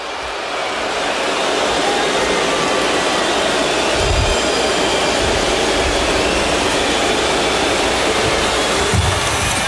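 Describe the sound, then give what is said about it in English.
A loud, sustained roar of Minnesota basketball fans cheering at Target Center after Wembanyama misses free throws, swelling in the first second or two and then holding steady as a dense wash of noise, with no one speaking over it. “Biggest cheer in a while here from the Minnesota fans.”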